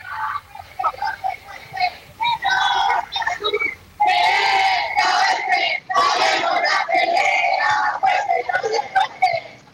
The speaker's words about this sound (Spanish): Podemos escuchar el audio ambiente de lo que está ocurriendo, están con algunas pancartas y cánticos.